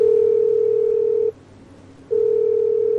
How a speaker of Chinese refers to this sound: 嘿，不接电话啊？怎么不接电话、啊？ 再试一次。 你对，再试一次。 好嘞。 还不接？